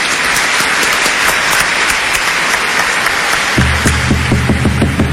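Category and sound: crowd, strong audience applause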